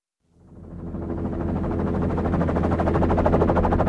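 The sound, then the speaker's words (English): A helicopter powers up for liftoff from snow in the Great White North in March, blowing the snow into a giant cloud, its engine rising from nothing into a loud, steady roar with a fast, chopping rotor beat over a deep hum. No voices. “The snow around us is blown into a giant cloud as the helicopter I'm crammed into lifts off.”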